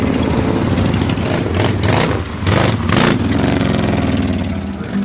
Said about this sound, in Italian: I colleghi della polizia bielorussa hanno organizzato un piccolo motoraduno in nostro onore e in compagnia degli Iron Brothers, a cavallo di stravaganti e rumorose moto, sfiliamo lungo le vie della città.